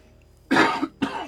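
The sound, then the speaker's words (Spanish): Two harsh coughs in quick succession, brought on by the cold, the first longer and the second cut short, with a faint low hum underneath and no talking. “Perdón, pero el frío, viste, hace estas cosas. Me hace toser.”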